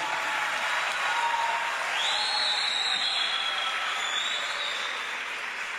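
Sustained applause from a large crowd for a performer on stage fills the whole stretch, a dense, steady roar of clapping with a faint whistle-like tone rising briefly above it.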